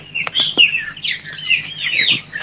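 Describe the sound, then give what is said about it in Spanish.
A small bird chirps rapidly and continuously, a bright high-pitched twittering with quick warbling notes, clear, with no voices over it. “Bueno, atención, escuchamos el nombre del pajarito, ¿eh?”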